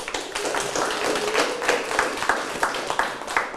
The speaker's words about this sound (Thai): ถูกต้องปรบมือ